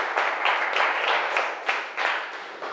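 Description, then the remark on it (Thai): A classroom of students claps together for a group of classmates in a steady, dense burst of applause lasting a few seconds, fairly loud, with no talking over it. “ปรบมือให้เพื่อนกลุ่มนี้หน่อยลูกเก่งมาก”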